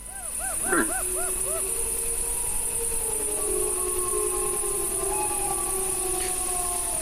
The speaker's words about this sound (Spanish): Yo creo que estos son lobos adultos los que hacen estos aullidos así graves. Lo hacen para comunicarse con otros de la manada.